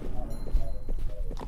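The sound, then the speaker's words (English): Horse hooves clip-clop at an unhurried walking pace, a handful of hollow knocks over a low rumble with faint tonal background sounds. “Father, get on your horse. We're going west.”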